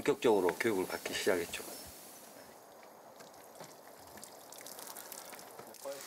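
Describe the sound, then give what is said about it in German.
A voice speaks briefly, then water is poured steadily over a cedar wood plank, a continuous splashing trickle that runs for several seconds at moderate volume. “Ich lasse Wasser über diese Planke aus Zedernholz laufen, weil man sie weich machen muss, damit sie sich gut biegen lässt und nicht verzieht.”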